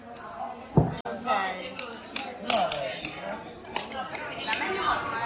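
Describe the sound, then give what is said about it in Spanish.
Scissors snip several times in short, sharp clicks amid ongoing kitchen clatter and people talking in the background. “No, tenemos problemas con los instrumentos. Las tijeras.”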